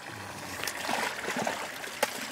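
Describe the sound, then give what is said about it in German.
Fresh water from the lake is poured into tubs holding fish at a fish farm on the Kellersee in Malente, to give them enough oxygen: a steady broad rushing hiss with gurgling bursts and one sharper splash near the end, moderately loud with no voices. “Sohn Jonte sorgt mit frischem Wasser aus dem See für ausreichend Sauerstoff.”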